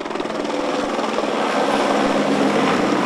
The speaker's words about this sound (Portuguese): O helicóptero Pelicano da Polícia Civil sobrevoou o cemitério em sinal de respeito.